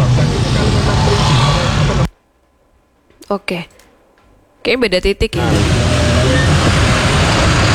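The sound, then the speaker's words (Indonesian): Loud, steady roar of congested road traffic at Bedali, with trucks and engines rumbling; three lanes are open and traffic is slowed because an ambulance is evacuating an accident. In a quiet gap between, a person speaks a few short phrases. “Dibuka 3 jalur, cuman truk di depan nggak bisa masuk ke jalur kiri. Agak macet.”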